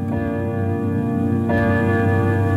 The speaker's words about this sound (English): The grandfather clock was chiming the hour. 8 o'clock already.